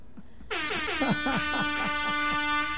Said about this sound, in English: We'll have that air horn at the 3:59. Right at the end.